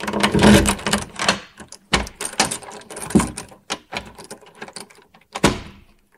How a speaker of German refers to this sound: Und abends, wenn sie darin lagen, schloss der König die Tür zu und verriegelte sie.